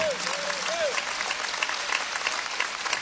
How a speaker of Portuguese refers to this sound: Amém? Pode dar uma salva de palmas para essa palavra. A palavra do Senhor é linda.